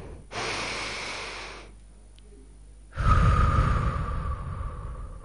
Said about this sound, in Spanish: Vamos a hacer una respiración profunda. Una más. Todos agarrados de la manito. Todos de la manito. Una respiración profunda.